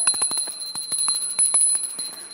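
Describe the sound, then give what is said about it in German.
A small hand bell rings rapidly and continuously, a bright jangling clatter of quick repeated strikes with a sustained high metallic tone, fairly loud, with no voices. It is rung as a signal for people at an event to return to their seats. “Schatz, ich habe das hier, eine Glocke.”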